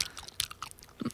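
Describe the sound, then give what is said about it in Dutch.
Wet smacking and crunching of someone chewing food on the radio, a quick run of short irregular mouth noises with no talking. “Niet smak op de radio”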